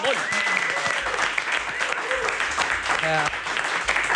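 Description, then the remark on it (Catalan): A live audience applauds steadily, a dense wash of clapping hands sustained throughout, with a few voices and cheers rising briefly above it, applauding a woman who won the trial world championship. “Campiona del món, aplaudiu-ho, sisplau.”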